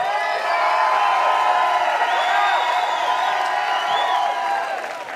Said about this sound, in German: Jetzt war es das allerletzte. Euer Applaus!